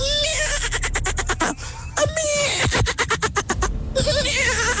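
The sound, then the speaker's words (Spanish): Someone imitates a foal's whinny: loud, high, wavering vocal trills with rapid fluttering pulses, repeated in a few bursts with brief breaths between. “Mi talento oculto es, Tropicana, ser un caballo.”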